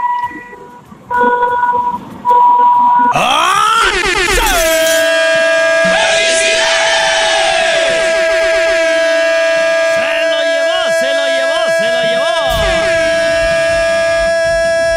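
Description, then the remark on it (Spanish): Three long, loud car horn blasts sound in close succession, each held for several seconds with a brassy, sustained tone, following a brief exclamation from a voice at the start. “Hermano, ya que sí estás, ayúdame con tres bocinazos muy largos.”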